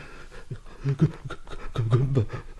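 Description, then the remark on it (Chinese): Heavy, ragged panting, a run of rough breaths with a voiced, straining edge, from someone badly winded, face wet with sweat or tears, stopping on a small path after pushing through vegetation. No words are spoken. “阿炳满脸不知道是汗水还是泪水，穿过草木，到了一条小径上喘息”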